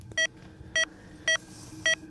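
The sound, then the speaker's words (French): Four short, identical electronic beeps from a pulse oximeter supplied by Air Glacier, evenly spaced a bit over half a second apart, tracking a person's resting heart rate over a faint background hum. “c'est la vitesse des bips. Bip, bip. Qui nous donne donc la fréquence cardiaque”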